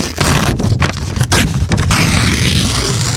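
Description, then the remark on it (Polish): A sound effect of a calendar page flying away: a loud, steady rush of papery, windy noise lasting about three seconds, with quick fluttering breaks in the first half and no voices. “Uwaga, kartka z kalendarza będzie odlatywać.”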